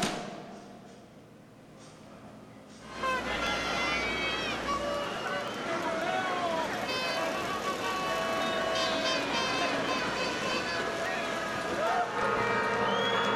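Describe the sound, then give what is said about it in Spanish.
After about three seconds of low murmur, a crowd of thousands of families at the 2026 Independence Cry in Aguascalientes, led by Governor Tere Jiménez, bursts into loud, sustained shouting and cheering, many voices overlapping in rising and falling cries that continue to the end. “Acabamos de vivir este momento que nos enchinó la piel a todos, el grito de independencia 2026 en Aguascalientes, encabezado por la gobernadora del estado, Tere Jiménez.”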